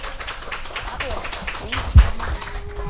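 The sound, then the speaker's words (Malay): An audience applauds to start Idola Anak, a children's performance event, with dense, continuous clapping for a few seconds, voices mixed faintly into the noise and one louder thump partway through. “Kalau sudah siap, ayo kita mulai Idola Anak dengan semua tepuk tangan yang paling meriah.”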